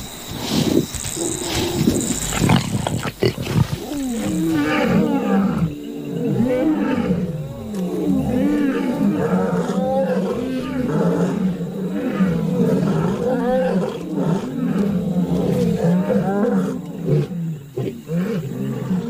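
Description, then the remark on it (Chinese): A pride of lions roars and growls over one another while feeding and sharing their prey, in a continuous, overlapping chorus of deep, rumbling snarls, loud and sustained throughout, with a rougher burst of noise near the start. “作为集群而居的动物，狮群成员需要共享美味。饱餐一顿，让他们心满意足。”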